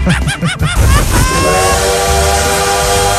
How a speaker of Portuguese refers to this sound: parei agora pra ver o trem bala passando por aqui, ó. Passou que nem uma bala.